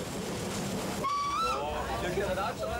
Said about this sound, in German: An jedem dritten Sonntag im Monat, von Mai bis Oktober, bieten die stilreinen Züge Reisekultur aus der württembergischen Nebenbahnzeit. Ihr Museum auf Schienen, wie die GES ihren Zug gerne tituliert, ist seit 1977 auf dieser Strecke zu Hause.